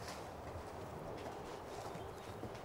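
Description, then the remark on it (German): Steady hoof clip-clops of a horse being ridden at a walk, up and down, a continuous run of hollow knocks over a broad outdoor noise bed, with faint birdsong in the background and no talking. “Ja, den habe ich eben gerade geritten. Einmal den Schritt, hoch und runter.”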